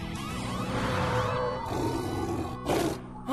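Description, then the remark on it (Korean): A lion roars, a loud, rumbling growl that swells into a harsher, brighter burst near the end, layered over a dense, sustained musical background with no voices. “찍찍이 신발을 신더라도 여긴 사자를 피해서 올라갈 만한 데가 안 보여.”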